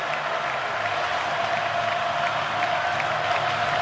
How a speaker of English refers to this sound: Now fourth and a foot from the Vandy 34. And this sellout crowd responds at Jordan-Hare Stadium.